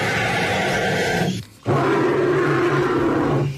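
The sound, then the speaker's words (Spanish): Two loud, rough, roar-like bird calls, each sustained for over a second with a low, grating tone, separated by a brief pause. No one speaks. “¡Los dos son pájaros!”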